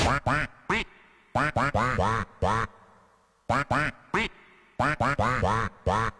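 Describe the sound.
A person quacks into a microphone, imitating a duck quacking a song's melody for listeners to guess, in a string of short, loud quacks grouped into rhythmic phrases with brief pauses, each quack bright and nasal.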